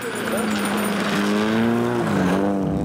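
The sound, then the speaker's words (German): An old, battered car accelerates hard on a remote dirt track in northwestern Sweden in the morning, its engine roaring loudly, the droning tone climbing and wavering in pitch through nearly three seconds of continuous revving. “Linnea Andersson drückt auf einem entlegenen Feldweg ordentlich aufs Gaspedal.”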